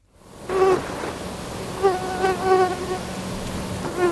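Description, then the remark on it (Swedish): A mosquito buzzes, a thin whining drone that wavers in pitch and swells louder a few times as it circles, continuous for several seconds with no talking. “Myggor handlar det om.”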